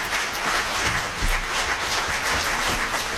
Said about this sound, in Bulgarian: Имахме удоволствието сега да чуем Колин, ирландска мелодия в изпълнение на … и артистката …. За тях са тези аплодисменти.